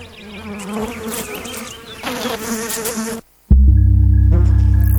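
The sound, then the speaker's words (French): A housefly buzzes for about three seconds, its wingbeat drone wavering in pitch. A brief silence follows, then a louder, steady low hum takes over. “Alors, Est-ce qu'elles ne méritent pas qu'on les applaudisse, les mouches domestiques ?”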